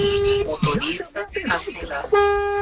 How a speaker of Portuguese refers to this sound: Nem que seja um pouquinho só, vai. Buzina aí, vai. Buzina aí, cara.